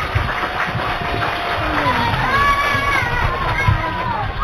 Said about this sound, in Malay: Kalau sudah siap, ayo kita mulai Idola Anak dengan tepuk tangan yang paling meriah.